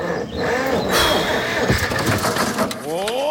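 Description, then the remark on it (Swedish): A tractor engine cranks and catches, then runs with a loud, rough mechanical rumble that rises in pitch toward the end. “Kramp har marknadens bästa sortiment till traktorer. Så snart är du startklar igen.”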